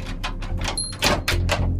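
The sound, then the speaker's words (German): A cellar door opens quietly without any squeak, with a quick series of soft clunks and rattles over a low steady hum, and nobody speaking. “Komisch, ich hätte jetzt erwartet, dass die Kellertür quietscht.”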